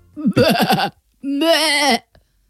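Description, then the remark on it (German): A person imitates a bleating lamb with two loud calls: first a stuttering, pulsing bleat, then a longer, steadier quavering one, with no other sounds around them. “Das ist ja ein Blöken.”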